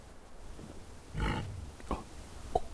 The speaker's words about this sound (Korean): 가까이 왔는가 본데. 잠깐만, 이게 무슨 소리죠? 돼지 소리인데 엄청 가까이 왔는가 본데요. 앞에 있죠.